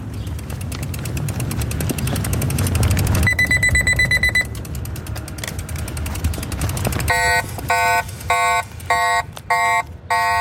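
An e-bike's anti-theft alarm, set off in a staged theft of the e-bike, sounds in two stages: a brief, smaller steady electronic tone, then, after some rattling, a loud, harsh, rapidly pulsing deterrent alarm beep repeating several times.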